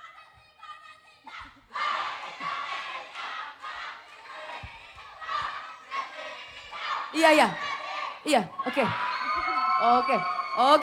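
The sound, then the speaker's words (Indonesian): An audience shouts and cheers loudly and continuously, with overlapping voices, sharp whoops and rising yells building toward the end, plus a brief spoken word at the start. “Jadi isinya tadi adalah teriakan-teriakan semuanya ya.”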